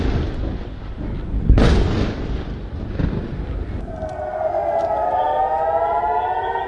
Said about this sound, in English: For the first time since early April, air raid sirens rang out across the northern Israeli city of Haifa as Iranian missiles streaked through the night sky.